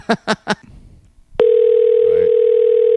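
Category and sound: signal or alarm, outgoing telephone call ringing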